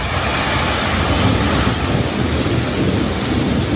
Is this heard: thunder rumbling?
yes